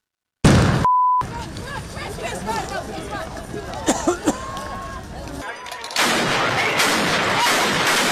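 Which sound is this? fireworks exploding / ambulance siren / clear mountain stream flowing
fireworks exploding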